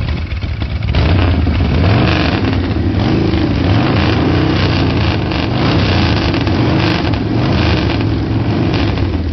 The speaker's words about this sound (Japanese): バイク、どうだ？ 最高だよ。求めてたのはこれだ。